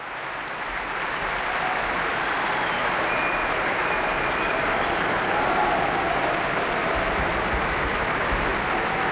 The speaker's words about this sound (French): Le pianiste Francesco Piemontesi, copieusement applaudi par le public de la Philharmonie de Berlin, qui aimerait bien en écouter un peu plus.